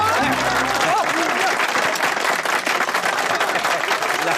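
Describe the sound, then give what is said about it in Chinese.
A crowd applauds to welcome a newlywed couple, steadily for the full four seconds, dense clapping that stays loud throughout, with a brief low tonal sound and a faint voice at the very start. “来，我们掌声欢迎这对新人，跟大伙说两句。”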